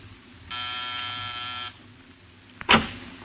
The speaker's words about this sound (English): On the afternoon of your arrival in Los Angeles, you walk down the corridor of a building in the Miracle Mile District. Pause and press a buzzer.